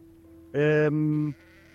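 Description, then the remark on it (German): A single drawn-out bleat from a sheep in a flock, loud, wavering in pitch partway through, with only faint outdoor background noise before and after and no talking. “Also, hier wollen wir den Themenschwerpunkt darauf legen, weil wir jetzt auch schon die Schafe sehen.”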